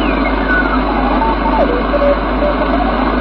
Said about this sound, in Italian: Radio. Onde corte. Onde corte. È il mio ricevitore radioamatoriale. Solo che ho montato un dipolo fuori, ma becca tanti di quei disturbi. C'è questo disturbo fisso.